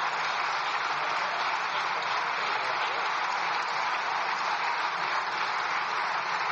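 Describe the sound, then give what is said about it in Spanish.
Sustained one-minute applause from the president's own party in the Spanish Cortes, a dense, even roar of many hands clapping that holds steady without pause or voices throughout. “presidenta de las Cortes, Francina Armengol, ha impedido a Alberto Núñez Feijóo agotar sus 2 segundos de tiempo que le quedaban para la réplica después de que el presidente fuera arropado por los suyos con un sonoro aplauso de 1 minuto de duración.”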